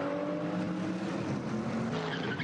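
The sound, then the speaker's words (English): A race car accelerates away from a pit stop during a morning race in the Eifel, giving a short tyre chirp from the wheels as the diff spools up, its engine droning loud with steady tonal harmonics throughout; no one speaks. “Oh, the little squeal as they're not spinning chirp.”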